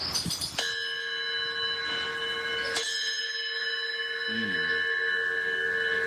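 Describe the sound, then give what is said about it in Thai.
A bell is struck, and then struck again a couple of seconds later, to mark going into class. Each strike leaves a bright, sustained ringing tone that hangs in the air, with a brief murmur of voice near the end. “เข้าห้องเรียนแล้วลืมเคาะระฆังนะครับนี่มีระฆังอยู่นะ”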